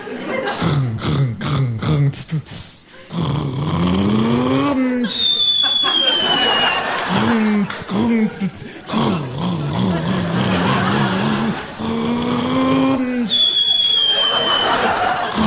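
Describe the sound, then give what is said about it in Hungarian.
A voice imitates a Rába Turbo truck engine pulling away, droning tones climbing in pitch then dropping repeatedly as if shifting through gears, loud with whistly overtones. “Elindulunk a Rábával, szépen óvatosan csepp alakú pilóta szöveget ornyerekbe feltoljuk, mint a Rambo Rocky.”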